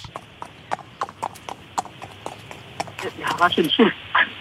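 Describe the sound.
A grandmother's voice imitates galloping horse hooves with rapid, rhythmic clip-clop clicks, fairly loud, speeding into a denser burst of vocal sounds near the end.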